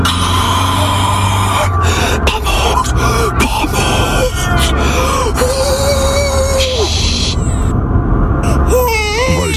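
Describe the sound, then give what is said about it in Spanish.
A baby, having woken in a car, wails and cries in long, rising and falling high-pitched bursts over a steady low engine rumble, loud throughout with brief pauses between sobs. “Ay, con lo a gusto que duerme en el coche.”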